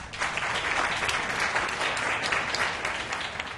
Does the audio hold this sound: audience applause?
yes